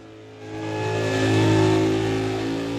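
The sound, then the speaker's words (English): A car engine revs hard during a tyre-smoking burnout, its droning roar swelling after a brief quieter start and holding at a high, steady pitch for a few seconds, with no voices. “As we get into the middle of our tyre smoking ceremony”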